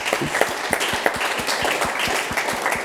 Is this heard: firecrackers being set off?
no